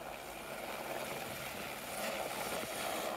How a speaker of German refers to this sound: Aus eigener Kraft käme das Tier nicht wieder heraus. Deshalb haben sie den Hubschrauber gerufen.